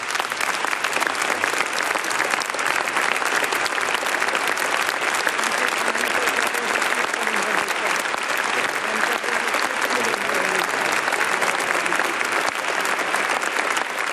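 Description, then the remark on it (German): Sustained audience applause for Bishop Stefan Oster after his closing words, a dense, steady wash of many hands clapping at an even loudness for the whole stretch, with no pauses and no voices standing out. “Applaus für Bischof Stefan Oster.”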